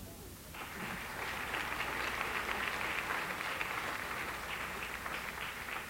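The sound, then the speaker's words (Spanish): A crowd applauds at a preacher's call during a religious talk, for someone who loves the Virgin Mary, in a sustained burst of clapping, a dense, steady patter of many hands that begins abruptly and continues evenly for several seconds. “Aplausos, que ama a la Virgen María.”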